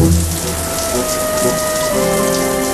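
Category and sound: household object, shower water running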